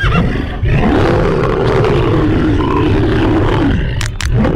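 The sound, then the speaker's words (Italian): A lion, crouched in tall grass, springs onto a grazing horse, letting out a loud, deep roar that holds steady for several seconds before breaking off, followed by a short grunting snarl at the end. “Il leone scatta come un coso e con un balzo e una centra in faccia gli è già addosso.”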